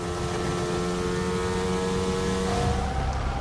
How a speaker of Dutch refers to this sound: De plaats waar de microfoon op de McLaren zit is een andere dan bij andere. Hij klinkt dof. En die auto, die motor is natuurlijk gewoon een Mercedes-motor. Klinkt hetzelfde als alle andere.